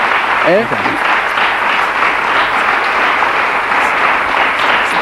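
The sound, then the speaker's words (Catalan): A big, sustained ovation from a studio audience fills the whole stretch, dense steady clapping at full volume with a brief voice cutting in near the start. “Mira, fíjate la ovación gorda.”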